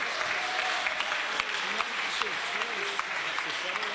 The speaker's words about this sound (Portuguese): Pode bater as palmas para Jesus, igreja.